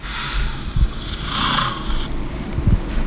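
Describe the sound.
A person imitates a lion's snoring growl, a rough, rasping rumble that runs steadily for a few seconds, with a couple of deeper throaty pulses breaking through. It is fairly loud.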